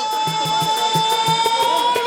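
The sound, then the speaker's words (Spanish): A motorcycle engine runs with a steady high whine that climbs slightly in pitch, broken by a fast rhythmic pulsing, fairly loud and with no voices. “Recuerde que cuando escucha el sonido de la moto significa que vengo a regalarles la clave de hoy, jueves.”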